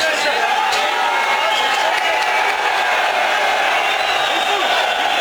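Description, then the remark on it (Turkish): A dense crowd of Fenerbahçe football fans roars, chants and cheers continuously at an airport in Istanbul, welcoming Mason Greenwood, with clapping and shouting voices blending into a loud, steady wall of noise throughout. “Tezahüratlar yapan taraftarlar havalimanında izdiham oluşturdu.”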